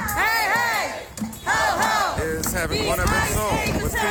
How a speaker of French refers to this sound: une manifestation vient célébrer son départ auprès de l'hôtel où sont hébergés les agents. On crie « ICE égale Gestapo ».